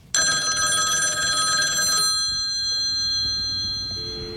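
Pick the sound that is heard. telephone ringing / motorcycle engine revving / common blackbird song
telephone ringing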